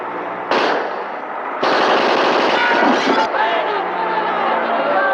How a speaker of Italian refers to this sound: No, se stanno uscendo i nostri, e sono spari!